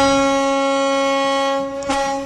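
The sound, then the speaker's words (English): A local ferry's foghorn, played as a signal for going over a time limit, sounds one long, steady, deep blast with rich harmonics, holding loud for over two seconds before a slight wobble near the end. “So that is a very committed foghorn from one of our local ferries.”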